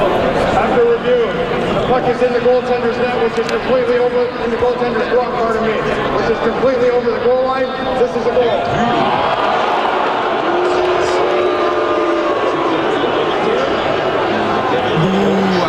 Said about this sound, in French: Après, mais je vais vous faire entendre ces moments-là tels que vécus à l'extérieur du Centre Bell mardi. Donc là, la foule est en attente de la décision des arbitres qui décident de revoir s'il y a but ou pas sur un lancer des sabres.